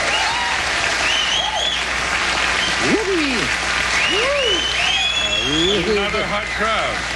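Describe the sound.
Steady, dense applause from an audience on an old recording of a band performance, a continuous crackling wash with scattered whoops and cheering voices rising and falling over it.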